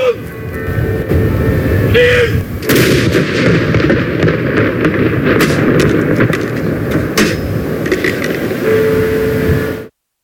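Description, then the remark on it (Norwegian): Ceremonial gun salute fired in Norway in honour of the late King Harald: heavy booming shots fired one after another at spaced intervals, each a sharp broad blast over a steady, loud rumbling background with faint voices. “Samtidig ble det avfyrt salutt til ære for den avdøde kongen.”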